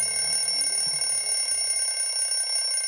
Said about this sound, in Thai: นาฬิกาเขาแค่บอกเวลาว่าตอนนี้เป็นเวลาเที่ยงตรงแล้วได้เวลากินข้าวกลางวันแล้วจ้า